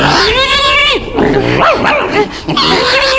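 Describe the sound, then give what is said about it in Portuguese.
A dog named Duque snarls and barks in a frantic scuffle as it bites a piglet, which lets out loud, drawn-out squeals, the two noises tangling together for a few seconds. “O Duque está mordendo o porquinho.”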